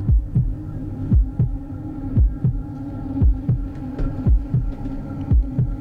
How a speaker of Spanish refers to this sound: Algunas veces andamos tan a las carreras, ¿verdad?, que no podemos escuchar el latir de nuestro corazón. Hoy los invito a poner quietecitos para poder escuchar el latido del corazón.